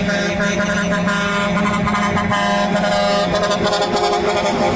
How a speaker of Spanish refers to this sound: Y yo creo que una de esas cosas que solamente pasa en nuestro México mágico es este tipo de claxon.